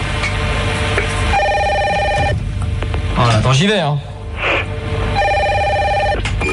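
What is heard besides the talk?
telephone ringing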